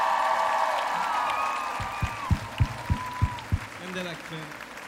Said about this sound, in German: Maschinen hier, können wir einmal Applaus haben für die Leute hinter der Bühne.